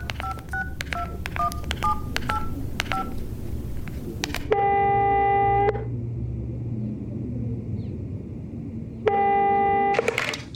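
A quick run of mobile phone keypad tones dials a number, then two long electronic ring tones sound through the phone's loudspeaker, separated by a pause, over a low background rumble.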